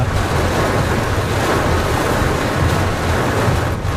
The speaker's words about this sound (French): Là, il y a la pluie, le vent, les éclairs. Là, on voit plus rien. Hein. Ah bah, en plus, t'as des coups de foudre qui tombent devant.